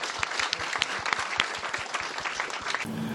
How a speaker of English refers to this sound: Everybody, please give Dr. Eddie Glaude a round of applause.